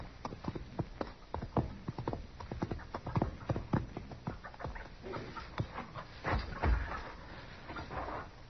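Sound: horse hooves clip-clopping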